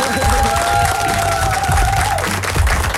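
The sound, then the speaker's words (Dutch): Steady applause and cheering from a studio audience welcoming a reporter back to the studio, a dense wash of clapping that stays loud for the full three seconds, with a few whoops and a faint tone underneath. “Mag ik een groot applaus voor onze verslaggever”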